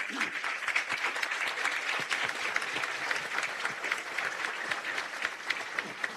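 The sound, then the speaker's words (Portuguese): Sustained applause from an audience, a dense crackle of many hands clapping at a steady, fairly loud level for several seconds, with no voices standing out. “Agora sim, a salva de palmas, alegria.”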